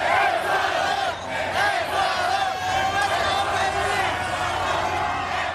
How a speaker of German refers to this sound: So klang das in der Nacht in East Rutherford bei New York. Die Fans aus Ecuador haben dort den 2:1-Sieg ihrer Mannschaft gegen Deutschland ausgiebig gefeiert.